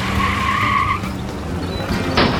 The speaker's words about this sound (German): Gefolgt von Rolli und einem laut knatternden Rennwagen, der so schnell ist, dass Kasimir nur noch der stinkenden Abgaswolke hinterherblicken kann.